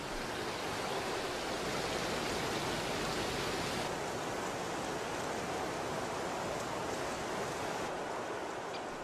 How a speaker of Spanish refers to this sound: El camino atraviesa en su recorrido una zona de prados y bosques de gran encanto, en la que no es difícil ver al río formando espectaculares saltos de agua, como la famosa Cascada de Pis, en la que el río salva un desnivel de 25 metros.